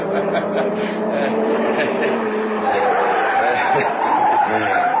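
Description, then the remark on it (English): Car tires screech in a long, loud, wavering squeal as a car skids and spins around at a police roadblock, with engine noise and muffled voices mixed underneath. “Spin the car, quick.”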